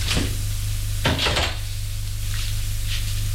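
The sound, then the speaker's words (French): A woman opens a cupboard-style wardrobe door in her bedroom to take out her clothes, with a short clatter and a second, longer rattling bump, over a steady low background hum with no voices. “Puis, dans sa chambre, elle ouvre son armoire pour prendre ses habits, des habits pour s'habiller.”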